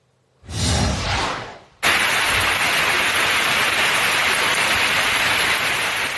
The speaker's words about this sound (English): Got some rain out of Brick, New Jersey from a couple of days ago. Thank goodness that's not today, right? Especially for the beach house. Between Monday and Tuesday, Brick has picked up about 2.25 inches of rain.